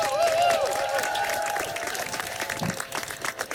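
An audience at a poetry slam event in Hamburg applauds a performer being introduced, in a dense, steady wash of clapping, with a few high whistles or cheers rising over it at the start before the applause slowly thins out.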